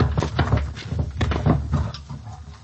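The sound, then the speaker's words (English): A dumbwaiter door slides shut with a rumbling, rattling scrape and a few clattering knocks, fairly loud, with no voices. “Dumb waiter. In here.”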